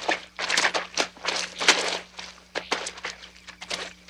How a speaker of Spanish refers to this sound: En el bosque, los cuatro amigos caminan por un lodazal.